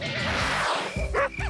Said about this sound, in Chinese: 几点了还让不让人睡觉了？这狗都叫了大半夜了，也没人管管吗？